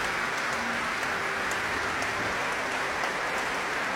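Steady applause from a large audience for the choir members at an evening concert of sacred music, a dense, continuous wash of clapping at an even level for the full length, with no voices above it.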